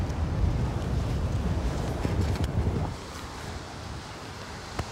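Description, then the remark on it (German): Strong wind at the beach, where surf anglers are putting up a tent, buffets the microphone with a loud, steady rumble and surf-like roar, easing somewhat after a few seconds but continuing throughout. No one speaks. “Nur lass das mal richtig Wind sein, so wie heute.”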